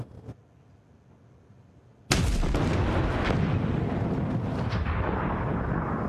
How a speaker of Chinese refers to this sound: 小光，小光，啥玩意儿爆炸了？